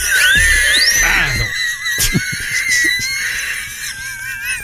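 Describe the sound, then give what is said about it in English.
A loud, shrill whistle from a radio commercial that swoops and wavers up and down in pitch for several seconds, with a few brief thumps and some rough noise underneath. “Could I hear the whistle one more time, please?”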